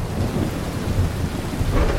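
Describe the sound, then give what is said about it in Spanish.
A steady thunderstorm with rain pouring down and deep, rumbling thunder rolling underneath, loud and continuous throughout with no voices. “Es bonito disfrutar de la lluvia y escuchar, pues, los sonidos que emergen de los truenos, de los rayos, de relámpagos y cuanta cosa más, ¿no?”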